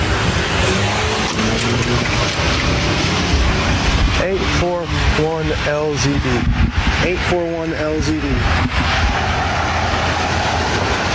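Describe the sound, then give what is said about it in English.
A car drives past, its driver trying to run over the person speaking, with a loud, rushing engine roar that swells and fades, while people talk in the foreground over the vehicle noise. “Your patient just tried to run me over.”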